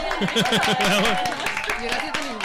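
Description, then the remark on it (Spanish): Audience applause, a steady wash of clapping with sharp individual claps, mixed with excited voices calling out and laughing over it throughout. “Y estos aplausos no paran.”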